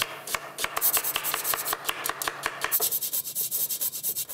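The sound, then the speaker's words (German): Quick, steady rasping strokes of a nutmeg scraped across a grater, a rhythmic series of bright, scratchy pulses that speed up slightly toward the end, with no talking. “Hier könnte man jetzt auch lecker nochmal Muskatnuss, Pfeffer reingeben.”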